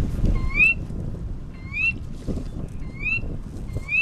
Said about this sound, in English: That's a Sora rail, a small bird about the size of a robin. It's one of many different kinds of rails.